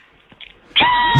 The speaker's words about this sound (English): Very calming animals. It gets my goat. Yes, there sure. Absolutely. It's a real goat, man.